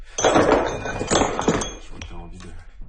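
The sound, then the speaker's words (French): A hammer strikes stone several times, sharp cracking knocks with chipping clinks spaced about half a second apart, fairly loud, with a faint voice in the background. “On tient un autre marteau.”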